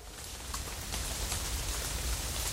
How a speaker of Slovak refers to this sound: Čuj, už len toto mi chýbalo. Nestačí, že už je tmáko v rohu, ešte aj liať začalo. Krúpy padajú veľké ako moja pesť.